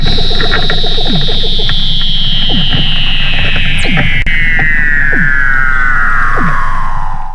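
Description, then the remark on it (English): Weddell seal mother and pup call back and forth in Antarctica as the mother teaches the pup to swim: a long, eerie, slowly descending whistle over rapid clicking pulses and short downward chirps, loud and continuous with no talking. “And you can hear the mother and her pup calling to each other.”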